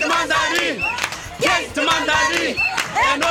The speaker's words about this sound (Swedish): Vilken stämning, va? Vi står i en ring här med flera personer från Kap Verde, göteborgare, som klappar.